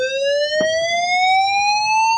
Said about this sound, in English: we can exclusively reveal, can't we, Simon, that the fire alarms work in the new premises